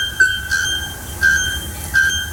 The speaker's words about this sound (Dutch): Daar woont een vogel die zo hard schreeuwt dat je er volgens onderzoekers niet zonder gehoorbescherming in de buurt kunt komen. Zo is daar de naaktkeelklokvogel die echt de hele dag keihard zit te schreeuwen in de boomtoppen. Luister even.